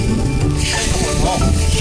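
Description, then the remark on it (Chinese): Loaches, put into the pot alive, stewing in the countryside, with a steady sizzling and bubbling hiss that stays loud and continuous throughout, with no clear pauses. “开炖”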